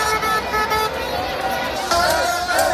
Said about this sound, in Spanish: A esta hora se mezcla el tráfico y el trasiego de un lunes cualquiera con los rezagados que todavía se resisten a volver a casa a dormir después de una noche gloriosa.